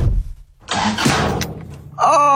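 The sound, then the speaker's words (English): The speaker's own car engine cranks and sputters in a brief, noisy attempt to start, then dies away; a voice calls out just afterward. “Oh, my car.”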